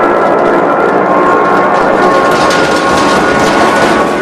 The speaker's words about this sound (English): The flames drag back along the engine as the Memphis Belle plummets.